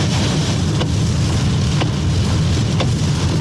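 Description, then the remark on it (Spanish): A heavy truck rolls across the Manuel Rodríguez bridge on a rain-soaked road, its deep engine rumble blended with a constant wet hiss of tires and rainfall, steady throughout, with no one talking. “Pasando por el puente Manuel Rodríguez, ahí va el camión.”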